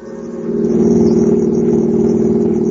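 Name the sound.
car engine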